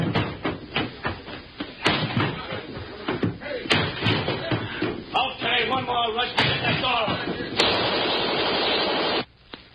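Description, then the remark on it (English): A door is rushed and slammed repeatedly: heavy, irregular thuds and bangs pile up over muffled shouting voices, building to a loud sustained crash before cutting off abruptly. “Okay, one more rush to get that door.”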